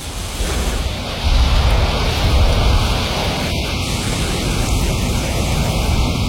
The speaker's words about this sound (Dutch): Het is weliswaar een warme wind, maar het is een harde wind,